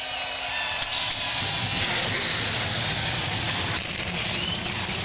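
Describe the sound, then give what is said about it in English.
A field of 38 NASCAR Xfinity Series race car engines roar to life together at Darlington Raceway, a dense, steady wall of loud rumbling and raspy noise that holds at an even level throughout, with no voices. “A field of 38 roars to life.”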